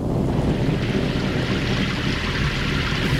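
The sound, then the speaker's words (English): A hailstorm in the land of Egypt pours down in a dense, unbroken roar, countless pellets drumming together at a steady, loud level with a rumbling low-end rush and no voices. “Oh, will this hail never stop?”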